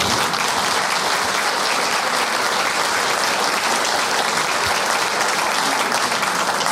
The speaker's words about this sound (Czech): Víte, já vždycky závidím hostům, protože člověk tady musí pořád něco říkat, být vtipný, aby vám zatleskali. A pak člověk řekne jenom, kolik mu je, a oni už tleskají sami. To je hezké, ne?